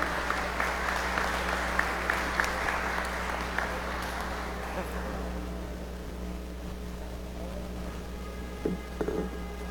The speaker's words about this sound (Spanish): Un aplauso, hermanos.